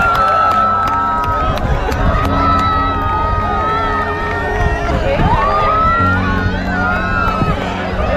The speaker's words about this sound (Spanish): Y cómo todo el mundo aplaudía, gritaba ante la emoción que supuso algo así.